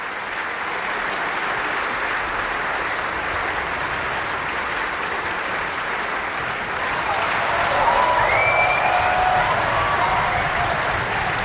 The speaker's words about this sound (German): Dieser Applaus ist für Camilla Nühle und die Brünnhilde heute Abend. Und auch sie wird noch einmal groß vom Publikum gefeiert und verlässt jetzt noch einmal die Bühne.